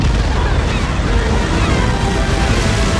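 Loud, steady sloshing and churning of water as two swimmers reach a freighter and surface, a dense continuous wash with small splashy bursts and a low rumble underneath, with no voices.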